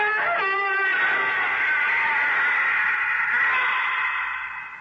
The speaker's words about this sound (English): But you didn't expect a minor gesture could cause that piercing, shattering, evil scream that shriveled your tolerance to a shivering fear.